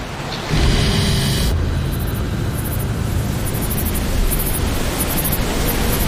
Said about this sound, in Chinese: 暴风雨过后，周围的沙漠再次陷入干旱。这一场雨正是动物们期待已久的，但是对某些动物来说，这场雨下得太小太迟。